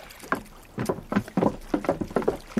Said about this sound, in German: Da, sehen Sie bloß. Da kommt einer von den Matrosen angeschwommen.